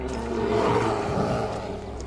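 A deep, rumbling animal call, like a growling roar, holds steadily for about two seconds, fairly loud, with no one talking.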